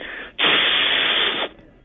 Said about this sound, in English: What was that? That's a laser. A laser? I gotta hear it again.